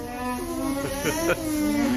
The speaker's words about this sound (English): And did you know that alpacas hum? This is what they sound like.